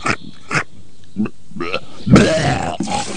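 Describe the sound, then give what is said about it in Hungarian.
A voice imitates a wolf retching and vomiting in a spoof advert on the Pille Show: several short guttural grunts and gags, building to a louder, drawn-out heaving burst near the end, fairly loud. “Wolf, az első farkas, aki rókázni tud.”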